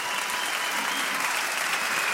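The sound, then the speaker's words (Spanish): Steady, dense applause from a crowd for a band, many hands clapping at once in a continuous loud wash with no breaks and no voices standing out. “Fuerte aplauso a la banda acá, muy bien.”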